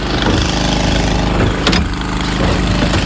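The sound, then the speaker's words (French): A motor pump drones steadily as it pumps water from tanks into the firefighters' pool amid dry shrubland, a loud, even engine hum with a low, buzzing pitch and a brief hissing surge partway through. No one speaks. “On pompe l'eau, on transfère des cuves pour la piscine des pompiers.”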